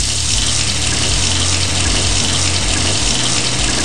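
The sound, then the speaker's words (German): Cold water gushes steadily from a tap, a loud, continuous rushing hiss that holds without pause from start to finish, with a low hum underneath and no voices. “Überall, wo Blut fließt, lasse ich kaltes Wasser drüber fließen und es kühlt extrem gut ab.”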